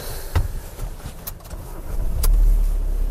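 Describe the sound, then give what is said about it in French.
Cars pass on a road with a steady rumble, engine noise swelling as each vehicle goes by, a deep low drone growing louder toward the end, plus a few brief sharp clicks. “Elle a l'habitude du gant, elle bouge pas, elle est en train de regarder les voitures.”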